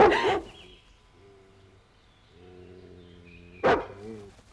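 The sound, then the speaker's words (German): A wild dog that everyone is hunting gives a sharp bark, then a long, wavering howl that rises and holds, broken by another loud bark near the end. No talking, just the animal's cries. “Irgendein wildender Hund, hinter dem alle her sind.”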